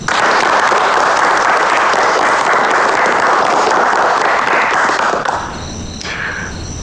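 An audience applauds steadily for about five seconds, welcoming a speaker at the opening of an expanded meeting of the Xinmin Study Society. A dense, loud wash of clapping abruptly thins and fades out near the end, with no voices over it.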